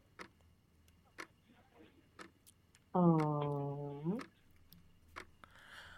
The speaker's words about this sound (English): When you hear the ticking sound, your time starts immediately.